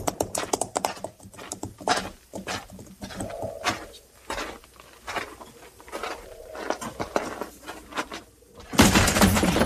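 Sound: horses' hooves clip-clopping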